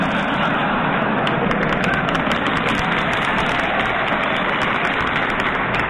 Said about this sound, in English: Only the winners applaud. You notice that?